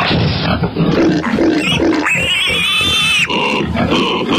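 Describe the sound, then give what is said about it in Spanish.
A pig grunts in rough, throaty bursts as it is grabbed by the ears to be put into a van, then lets out a long, high-pitched squeal that rises and holds before breaking off into more agitated grunting and squealing. Loud and continuous throughout, with no talking. “Pues agárralo por las orejas para meterlo dentro del jurgón, venga.”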